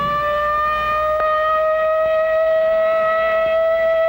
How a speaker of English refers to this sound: Only in practice now, a rehearsal, a training exercise. But tomorrow, this siren may mean the real thing.